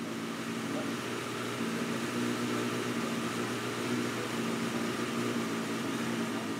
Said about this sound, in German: Mit den Messuhren bringt Ingo alle vier Vergaser ins Gleichgewicht. Erst dann läuft der Motor sauber.